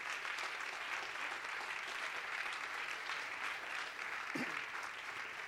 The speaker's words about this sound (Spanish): Denle ese aplauso al Rey.